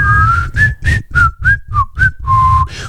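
A person whistles a short, wavering tune up close, with several quick breathy notes sliding slightly in pitch, a bit airy and uneven, with no talking.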